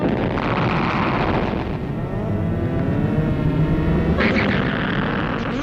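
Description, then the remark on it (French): A vast, sustained electronic explosion from a film soundtrack, the explosion of the planet Altair 4 at the end of the film: a loud, continuous low rumble threaded with warbling, sweeping synthetic tones, swelling into a brighter roar near the end. “La fin du film montre le vaisseau qui repart avec à son bord Adams, Altaïra et Robby qui assistent hors de portée à l'explosion de la planète Altaïr 4.”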